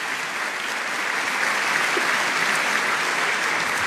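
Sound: audience applauding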